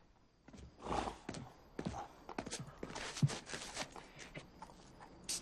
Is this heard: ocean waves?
no